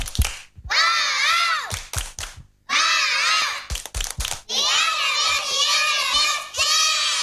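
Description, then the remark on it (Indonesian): A group of girls chant loudly in unison doing a "tepuk semangat" spirit clap, their voices rising and falling, broken up by sharp rhythmic hand claps in short bursts between the shouted phrases. “Cantik-cantik, tepuk semangat.”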